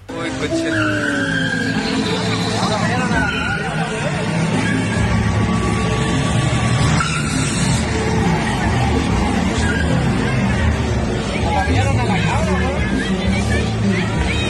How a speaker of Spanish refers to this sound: Se escucha ese silbido del frenado y acelerado de la camioneta, que lo hizo en varias oportunidades. Intentó a propósito arrollar a las personas, si esto no fue casualidad, no se le escapó la camioneta, buscó a las personas para atropellarlos.